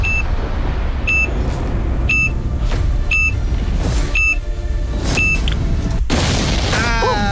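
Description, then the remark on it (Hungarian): A game sound effect: six evenly spaced electronic beeps about one per second over a loud, steady rumble, then a sudden explosion followed by wavering, warbling electronic tones. “Vissza fogok számolni, és onnantól kezdve 3, 2, 1, jön a csipanás.”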